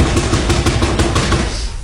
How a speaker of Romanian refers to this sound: Bate la ușa asta.